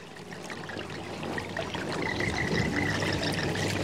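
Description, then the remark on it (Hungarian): A babbling stream flows steadily, its water trickling and gurgling in a continuous wash that grows slightly louder, with no voices present. “Nem is lett volna semmi baj, ha egy nap a patakparton nem találkozik a kecske békával.”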